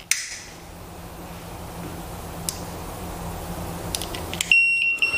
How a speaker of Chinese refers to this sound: 这时候呢，我们的燃气会报警，同时呢，我们的油烟机会打开，包括我们的燃气阀会关闭，以及我们的门窗会打开，进行通风换气，确保家里的安全。